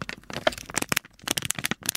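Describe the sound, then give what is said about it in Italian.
Paper crumpling in a steady run of dry, crackling crinkles, dense irregular bursts that stop briefly in the middle and then resume, with no voices over them. “Mi sembra un rumore di carta.”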